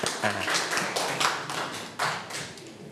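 A group of children clap together in a brief burst of applause, a dense, uneven patter of many hands close by with no talking.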